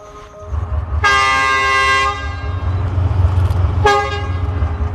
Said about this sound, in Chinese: 前面的火车头叫一声，后面的火车头叫一声，意思就是 我准备好了，你准备好了吗？ 你准备好了吗？两个都回答准备好了，那我们就开车， 一个拉一个推啊。